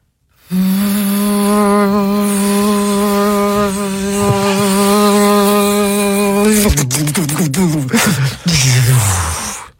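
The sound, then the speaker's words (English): A vacuum cleaner runs with a loud, steady motor drone and whine, then, as a sock goes through its hose, abruptly drops in pitch and wavers with rattling and sputtering before cutting off. “A vacuum cleaner.”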